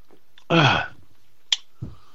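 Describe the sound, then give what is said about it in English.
A loud, brief slurp of a drink lasting under half a second, followed after a pause by a single sharp click and then a soft, low thud. No one speaks. “Oh, let me get a slurp.”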